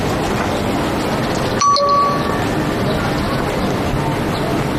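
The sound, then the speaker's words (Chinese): A short, bright phone text-message chime rings once, a clear ding that fades within about half a second, heard over a steady background hum with no one speaking; a text message arriving from Xiao Bei. “是小北，小北发来的信息。”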